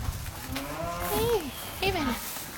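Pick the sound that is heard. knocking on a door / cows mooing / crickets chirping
cows mooing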